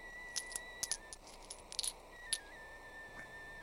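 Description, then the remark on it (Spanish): Coins and jewels jingle in a handful of light, bright metallic clinks, scattered irregularly over a few seconds, fairly quiet, with a faint steady tone underneath and no talking. “Pero antes de irte, déjame darte estas joyas y estas monedas.”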